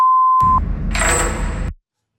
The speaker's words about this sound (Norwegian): Ja, helt på slutten så hørte du lyden av ferga som tar deg med dit. Navnet på det fergestedet starter med det engelske ordet for bjelle.